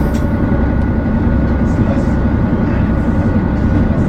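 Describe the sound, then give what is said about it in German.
A vehicle's second engine system starting up and running: a steady, loud engine drone with a deep low rumble and a grainy mid-range hum, running evenly without pause for the whole stretch, with faint higher whirring on top. “Die zweite Anlage läuft auch sehr schön.”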